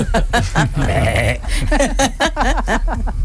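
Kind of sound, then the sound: animal, goat bleating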